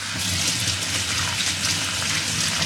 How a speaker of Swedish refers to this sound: I och med att jag använder händerna ganska mycket så brukar jag alltid... Det blir ju det här att man spolar av sina händer.